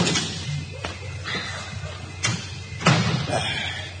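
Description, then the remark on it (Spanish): A door shuts with a solid thud, followed by a few smaller knocks and clicks as a key is worked and pulled from the lock. “Bien, cierro la puerta. Eso es, y la llave quito, ¿eh?”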